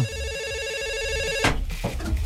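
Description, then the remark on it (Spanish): A telephone rings with an incoming call from a listener to a song-request program, a steady buzzy electronic tone for about a second and a half, then it cuts off into a burst of clattering noise. “¡Que grita la llamada!”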